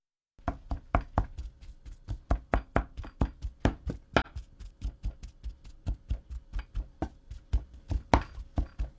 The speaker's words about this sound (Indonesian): Setelah itu, masukkan lagi potongan ubi ke dalam panci dan haluskan ubi selagi masih panas.